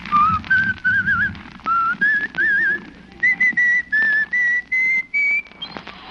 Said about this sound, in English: Let's follow him now as he walks blithely down the icy street, whistling a merry tune.